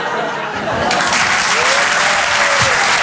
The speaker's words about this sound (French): Merci l'Apollo. Merci. Merci. On l'applaudit très très fort, Julien Bing.